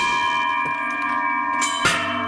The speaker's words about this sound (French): Alors, je vous entends pas très bien parce que le bruit des cloches a tout couvert.